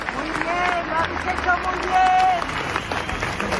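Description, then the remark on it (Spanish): A crowd at a memorial march applauds steadily in homage, with flowers, candles and lit mobile phone lights, dense clapping filling the space with a murmur of voices and occasional whistles or calls rising above it, fairly loud and continuous throughout. “Murió el miércoles, como les digo, y ayer esa marcha, que a ratos avanzó en un profundo silencio, quiso rendirle homenaje con flores, velas, con las luces de los móviles encendidas y con aplausos.”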